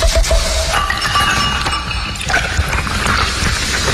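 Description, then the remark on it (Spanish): Glass clinks and rattles as a liquor bottle is handled and opened, with scattered bright taps and scraping over a steady busy background, and no one talking. “¿qué le echamos a esto? Echémosle un Andrés Franco. Ah, ¡qué bueno! El agropecuario. De una vez, sí, destapémoslo.”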